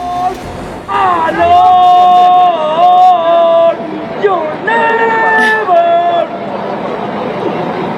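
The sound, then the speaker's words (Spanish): A Mexican football fan who supports Liverpool sings a loud stadium chant to the England team in two long phrases, holding drawn-out notes that slide up and down in pitch, with a brief pause between them over a steady bed of crowd noise. “Mire, escuche usted un poquito lo que la afición grita, ¿no?”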